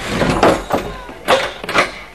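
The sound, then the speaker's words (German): A door in a house is pushed shut with a few sharp clunks and rattles spread over a couple of seconds, with some faint shuffling and movement in between. “Hoffentlich ist das die einzige Tür.”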